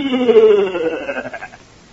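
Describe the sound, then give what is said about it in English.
A goat bleats once, fairly loud, its drawn-out cry sliding downward and breaking into a shaky, quavering tremble as it fades away, in the radio drama The Goat of Private Hibbs. “Everybody knows I only went into those woods to get back my goat.”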